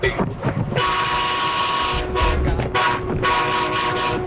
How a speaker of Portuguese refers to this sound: Ô meu filho, ô meu filho, você tá adiantado, o buzinaço é só mais tarde, viu? Calma, segura a buzina aí. Segura a sua buzina aí.